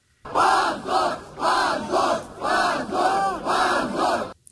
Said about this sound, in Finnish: Oikeustalon ulkopuolelle kokoontui 100 nuorten Jablakan kannattajaa, jotka huusivat hävetkää huutoja oikeuden päätöksen antamisen jälkeen.